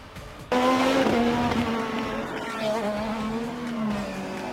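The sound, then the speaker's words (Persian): IndyCar race car engines roar in loudly after a quiet start at the opening round of the IndyCar series in the United States, attended by Donald Trump; a sustained high-pitched whine with shifting pitch as cars speed by, continuous for several seconds with no talking. “با آغاز مسابقات موتورانی ایندیکار در آمریکا با حضور دونالد ترامپ، کایل کیرکوود آمریکایی فاتح مرحله نخست شد.”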